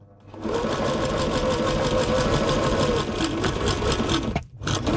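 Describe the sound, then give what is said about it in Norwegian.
A sewing machine runs steadily with a fast, even mechanical rattle and whir, loud and continuous, pausing briefly near the end before starting up again. No one speaks. “Hundelyden kjenner du kanskje igjen. Det var på denne dato i 1851 at patent på symaskiner kom”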